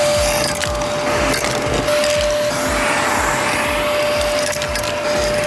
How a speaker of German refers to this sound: Und ja, wartet mal kurz, ist schon ordentlich dreckig hier drin. Müssen wir mal eben durchsaugen.